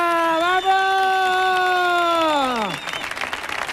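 A long, loud sustained cheer holds steady for a few seconds, then slides down in pitch and gives way to a burst of crowd applause and noisy cheering.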